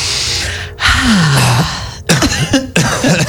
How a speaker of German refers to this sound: Was hustest du hier rum? Ich hab selber gehustet.